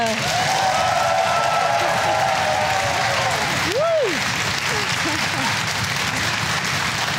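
Loud, steady audience applause fills the whole stretch, a dense crackle of many hands clapping, with a faint tonal whistle-like sweep and a brief rising-falling tone partway through, as the audience welcomes the guest Andreas Kuhlage, known from radio.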